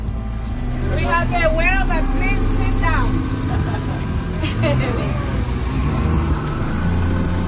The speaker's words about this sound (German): Das Boot rast auf eine Stelle zu, wo gerade noch eine Fontäne aus dem Wasser schoss.